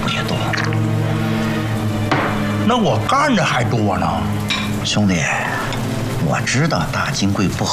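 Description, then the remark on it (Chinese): Steady rain falls throughout, a continuous patter with occasional drips, partly under people's voices in the foreground. “这什么鬼天气，下起来没完了。下雨好啊”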